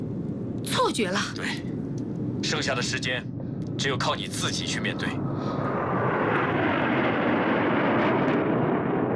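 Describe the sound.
A steady airplane engine roar fills the scene on a runway in heavy fog, swelling louder and brighter in the last few seconds as the pilot brings the speed up, with voices talking briefly over it near the start.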